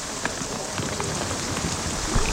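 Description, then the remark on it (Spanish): Heavy hail pelts down in a dense, unbroken clatter of sharp impacts, loud and steady throughout with a few harder strikes standing out. No one speaks. “El granizo es muy, muy fuerte.”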